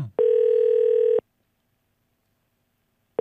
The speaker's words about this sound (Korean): 자, 바로 다음 분께 전화를 드려보겠습니다. 33번 주신 분. 여보세요? 자, 이제 전화를 걸어볼 테고요.